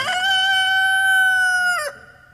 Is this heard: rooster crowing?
yes